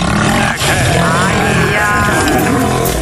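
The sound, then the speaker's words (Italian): A tiger lets out a loud, sustained, rumbling roar that stays harsh and throaty throughout, with rough guttural growling layered through it and no pauses. “Però se invece sei un coglione e vai allo zoo e ti butti dentro la gabbia della tigre, potrebbe succedere questo.”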